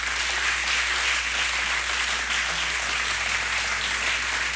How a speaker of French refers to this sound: Continuez à vous applaudir parce que je voudrais vous remercier à vous tous.